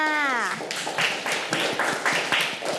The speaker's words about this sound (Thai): เก่งมากค่ะปรบมือให้เพื่อนค่ะ